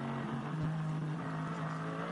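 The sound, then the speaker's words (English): The Hyundai Motorsport N TCR touring race car of former WTCR champion Mikel Azcona drones steadily on track in warm weather, a sustained low tonal hum, its pitch dipping briefly then holding level, loud and continuous with no voices. “We've been treated to quite a few, you know, the best part of a lap, looking at Mikel Azcona, of course, the former WTCR champion in his Hyundai, who's, you know, he's driving his own race, really, in the Hyundai Motorsport N TCR car.”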